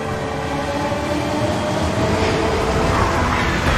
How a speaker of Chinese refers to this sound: 在京张高铁上奔腾的复兴号动车组，安装有中国自主研发的北斗卫星导航系统，列车得以平稳准时地穿越高寒、风沙、山体等复杂地质，在世界上首次实现了时速350公里的自动驾驶